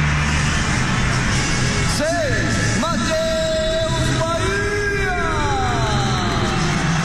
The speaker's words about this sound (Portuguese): Muitas vaias. 25, Gabriel Mercado. Saudação eufórica da nação colorada aqui dentro do Beira-Rio.